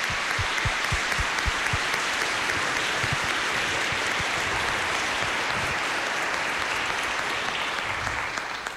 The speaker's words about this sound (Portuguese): Por isso agora eu gostaria que todos ficássemos em pé e vamos dar uma salva de palmas aos nossos professores. Mais forte, isto.